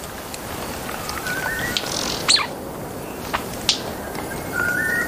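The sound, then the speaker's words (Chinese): A songbird that forages on the ground for ant nests sings in a forest, a few clear, rising whistled phrases with some brief sharp chirps between them, set against a steady hiss of rain-like forest background noise. No one speaks. “立顶蚁冬大部分时间都在地面上搜寻蚁穴，立顶蚁冬的鸣唱是这片森林中最婉转最动听的鸟鸣声之一。”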